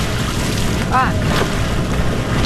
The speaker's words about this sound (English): Sculling on the Cuyahoga River. Okay, so you want to feel the blade in the water and move your boat past the blade.